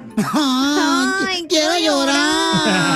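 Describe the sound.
A voice mimics the exaggerated wailing cry of a woman who arrived at the radio station crying: two long, loud, quavering sobs with a brief catch between them, with no other sounds.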